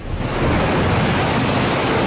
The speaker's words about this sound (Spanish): Y vamos a escuchar el sonido de la lluvia en Sitges.